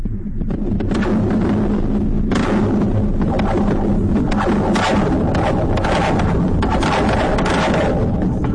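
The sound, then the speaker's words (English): Golden Gate Bridge cables and support towers in San Francisco vibrating as the bridge moves, captured by contact microphones placed on them: a loud, continuous low drone that throbs and rumbles, punctuated by irregular dull thuds, with no voices. “This is a bridge.”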